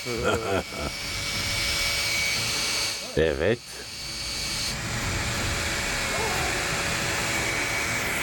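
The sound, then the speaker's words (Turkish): An ordinary cordless drill spins a water pump being tested to pump water out, also run in reverse, with a steady, hissing motor whir that runs nearly unbroken, while a man speaks briefly at the start and again midway. “Bunun için sıradan bir akülü matkaptan daha mantıklı ne kullanılabilir ki?”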